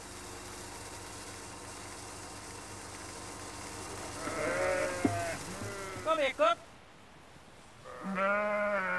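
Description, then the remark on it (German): Sheep from a flock of more than 100 grazing on a meadow by the Leine river bleat in several wavering, nasal bursts, one sharp cluster of cries, then a longer bleat at the end, over a low steady mechanical hum. “Jetzt grasen mehr als 100 Schafe hier an der Leine.”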